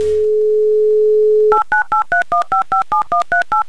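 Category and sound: signal or alarm, telephone dialing a number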